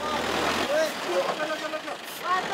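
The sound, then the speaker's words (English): Heavy trucks carrying humanitarian aid idle in a traffic jam on the only route into a disaster zone in mountainous terrain near Betrawati, engines in a low, steady rumble that fades after a moment, with voices and scattered short chirps over the outdoor background noise. “This is the only route into the disaster zone, and it's jammed.”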